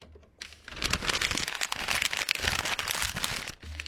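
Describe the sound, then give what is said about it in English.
Continuous crinkling and rustling of plastic shopping bags as shopping is unpacked, with irregular bursts of crackle and rustle running for several seconds at a fairly steady, moderate loudness. “It's meant to sound like I'm unpacking shopping.”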